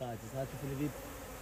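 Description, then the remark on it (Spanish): Bees kept in hives in a mangrove forest buzz in a steady, droning hum with overlapping wingbeat tones that swell and fade slightly, fairly loud, with no voices. “Pero cualquiera que venga aquí e intente explotar estos manglares de forma ilegal, por ejemplo, talándolos, acabaría siendo picado y ahuyentado por las abejas.”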